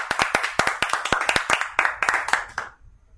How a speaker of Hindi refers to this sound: इस कविता के लिए सब जोर से ताली बजाएंगे।